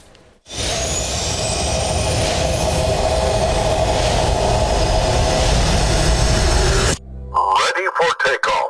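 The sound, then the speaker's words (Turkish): A Hürjet, Türkiye's first domestic jet trainer aircraft, roars steadily and loudly in flight for several seconds, a broad rushing engine noise with a high whine, then cuts off abruptly as a man starts speaking. “Türkiye'nin gurur projelerinden biri olan Hürjet gökyüzünde böyle süzüldü.”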